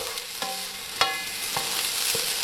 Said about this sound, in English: The sizzling of a democracy sausage, lining up at a primary school, maybe a trip to the cake stall.